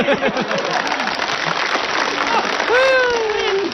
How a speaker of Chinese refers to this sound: 大妈，我要把这个箱子打开，不要多了，您给我五秒钟的掌声好不好？ 我给你十 秒。